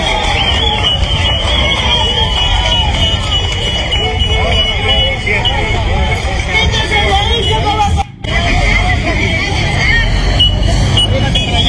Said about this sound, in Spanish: Ante la decisión de levantar la medida de cierre de la frontera en el puente internacional Macará con bocinas, pancartas y banderas, los ciudadanos celebraron el retiro del personal de las Fuerzas Armadas y, por ende, el libre tránsito.